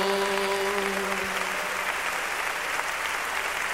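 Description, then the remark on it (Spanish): A large group at a worship gathering claps steadily and continuously in applause for the Lamb, a dense, even wash of applause, with a faint sustained tone fading out in the first moments. “aplauso al Cordero.”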